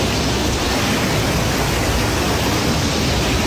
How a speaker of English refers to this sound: using, like, the crowd control rails, gates, because it's a heavy current going against him. Mm-hmm. Like, that's a river that overflowed or something, right?